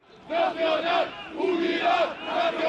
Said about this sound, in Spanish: En pleno siglo XXI en España se siguen realizando manifestaciones franquistas con simbología y gritos en favor del dictador.